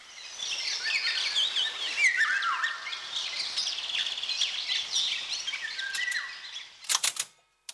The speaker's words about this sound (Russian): Это «Птица-праздник. Песнь пугливой Иволги». Журнал «Кругозор». Сентябрь 1975 года.